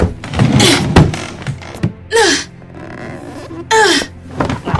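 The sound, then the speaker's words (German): A locked, barricaded door is rattled and shaken hard, a burst of clattering thumps, followed by two strained, creaking groans as it resists. “Die Tür ist zu. Mist, er hat sie verbarrikadiert.”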